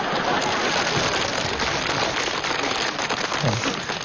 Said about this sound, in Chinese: 说出来，大伙就得鼓掌了